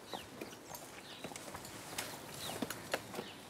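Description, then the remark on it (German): Irregular hollow knocks of hooves striking hard steps as a cow clambers up a steep staircase, uneven, with faint bird chirps in the background. “Normalerweise würde keine Kuh freiwillig eine steile Treppe hochlaufen.”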